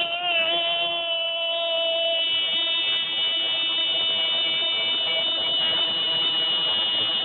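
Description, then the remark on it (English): A voice imitates the loud buzzer of an old wrecker tow truck at a workplace, holding one harsh, steady, nasal drone without a break for about seven seconds. “you were texting me that an old wrecker, a big truck at your old work, had a real loud buzzer.”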